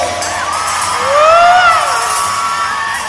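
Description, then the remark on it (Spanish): An audience shouts a cheer together, many voices rising into a loud sustained yell that peaks midway and then eases off, with no individual speech standing out. “¡No se oye ese grito!”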